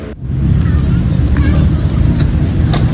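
A steady, loud roar of traffic on Jalan Jenderal Ahmad Yani beside the Taman Link In Park skateboard arena in Rawasari, Central Jakarta. Passing cars and motorcycles blend into a continuous low rumble, with faint higher whines of engines drifting by.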